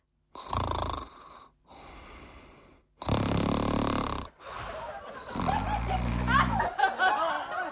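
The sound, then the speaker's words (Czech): Loud, rasping snoring from inside the little house of a race contestant who did not move off the start line: about four long snores in a row, each rumbling breath growing heavier, with a voiced, throaty edge that sounds like a person imitating the snoring. “On tam snad chrápe!”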